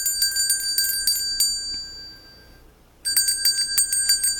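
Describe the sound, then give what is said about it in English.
Bright, rapid contest cue bells ring in a steady jangling burst, fade briefly into a lingering tone for about half a second, then start ringing again just as loudly. No one speaks over them. “Yep, those are the bells right there.”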